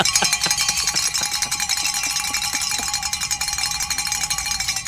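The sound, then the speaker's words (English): A big bell rings continuously for about five seconds, struck again and again in a quick, uneven rhythm, its bright metallic clang layering into a loud, shimmering wash with no voices. “Grab that big bell you've been given”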